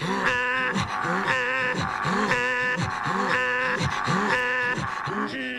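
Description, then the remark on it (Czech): Inuit throat singing: steady, loud, rhythmic guttural voicing, with low rasping grunts swooping up and down and alternating with higher nasal tones in a pattern that repeats about once a second. “Umí stavět iglů, mají svou kulturu a třeba velmi zajímavé hrdelní zpěvy.”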